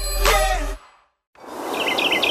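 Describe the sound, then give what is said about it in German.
A brief burst of noise cuts to near silence, then a soft outdoor ambience in the countryside rises with a quick run of small, high bird chirps repeating in the background. “Nur Vogelgezwitscher, frische Landluft und ganz viel Natur.”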